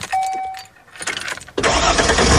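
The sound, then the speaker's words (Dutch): Keys jingle and a starter whirs briefly before a motorhome engine catches at about one and a half seconds and roars into a loud, steady run. “Misschien start jij binnenkort wel de motor. Van die mobilhome, die motorhome.”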